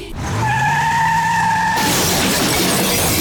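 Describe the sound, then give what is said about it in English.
A car skids with a long, loud tire squeal, then crashes into a burst of shattering glass and crunching debris, with no talking. “When life leaves its mark on your car, leave it to Mitchell's Precision Paint and Panel.”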